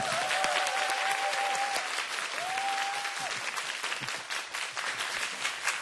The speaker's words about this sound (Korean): 다시 한번 큰 박수.